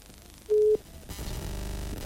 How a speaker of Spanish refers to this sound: Sí, y lo voy a llamar por teléfono. Ya no más lo llamo por teléfono. ¿Escucha usted ahí?